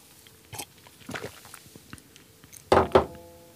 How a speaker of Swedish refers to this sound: Och jag tar med en klunk vatten.